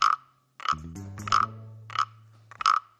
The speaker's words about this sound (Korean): 아저씨가 한번 해볼게. 개구리가 등이 간지럽나 봐. 이거 등을 긁어주니까 노래를 부르네.